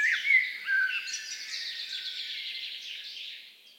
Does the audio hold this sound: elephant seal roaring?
no